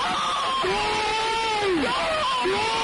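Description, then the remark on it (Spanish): A dense, steady roar of a large crowd of Zaragoza football supporters erupting in celebration of a goal, with loud sustained shouts and cheering voices rising and falling over the wall of noise. “¡Gol! También podría ser yo gritando. O sea, cambia tu vida y la de todos los aficionados de Zaragoza.”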